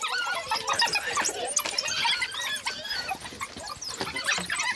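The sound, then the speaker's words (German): A pack of just over 20 wild dogs squeals and twitters nonstop in a dense, overlapping chorus of high, rapid chirps and yelps while feeding on about 60 kilos of thrown-in food, with no voices present. “So ein Wildhundrudel kann innerhalb von 2 Minuten ein komplettes Schaf auffressen.”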